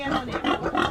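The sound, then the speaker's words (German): Two pigs, bought by a woman in Guyana, grunt in a steady run of rough, nasal snorts and grunts, fairly loud and uninterrupted, with no voices over them. “Sie hat 2 Schweine gekauft.”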